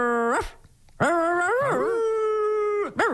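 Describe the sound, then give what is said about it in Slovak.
A child's voice imitates a dog, giving a short yelp, then a long wavering howl that slides into whimpers, ending with another sharp yip. Fairly loud, with no talking. “Poďme teraz skúsiť reč psíkov.”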